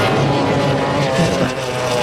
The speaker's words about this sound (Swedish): Det lyder av båten. Detta var Mette Sjöld som kör förbi. Mette Bjerknes, nummer 9. Och det ser ut som sån där romskip som alltså fyker av gårde I full fart.